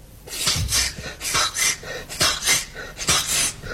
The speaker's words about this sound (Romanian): Poftim, s-a desumflat. Dăm pompa.